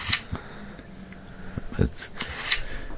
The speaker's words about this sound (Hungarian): De ha ki akar nagyítani, akkor is lapoz. És valami csetteg is. A lapozáshoz hangot ad.